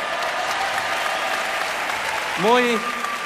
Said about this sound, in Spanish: Bueno, es fantástico escuchar esos aplausos que piden la última, muy bien. Pues sí, vamos a tocar la última ya